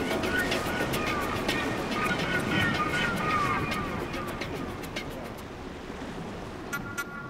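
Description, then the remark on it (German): A steady, loud roar of wind and heavy sea surging at sea off Rügen, where the disabled tanker Eventin is being towed, with waves 3 to 4 metres high and wind force 7 to 8 Beaufort; scattered sharp clicks and faint whistling tones over it, easing slightly toward the end. “Wir haben hier Wellen von 3 bis 4 Meter Höhe. Wir haben Windstärken von 7 bis 8 Beaufort.”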